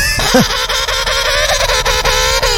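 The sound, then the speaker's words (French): A razorbill gives a loud, harsh, drawn-out growling call that holds steady for a couple of seconds, alone with no voices. “Un pingouin. Ah oui, le pingouin le manchot. Ah et oui, non, il a raison, c'est il a raison”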